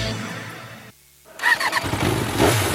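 The engine of a Freedom Avatar 200 LX, a 2027-model off-road motorcycle, drones loudly, cuts out for a brief moment, then roars back with a sharp rev that holds at a gritty, high pitch.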